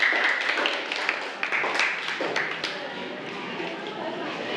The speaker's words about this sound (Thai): ปรบมือให้กับเพื่อนกลุ่มสุดท้ายของเราค่ะขอบคุณค่ะ